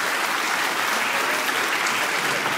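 A crowd gives steady applause for the winner of a guessing contest, a dense wash of many hands clapping at an even loudness throughout, with no talking over it.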